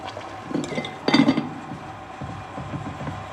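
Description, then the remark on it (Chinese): A ceramic bowl clinks and clatters as herbal medicine made for an expert is poured out in a hospital, with a brief rattle followed by a louder burst of clinking, then quiet handling noise. No one speaks. “你把药倒了，我重煎。”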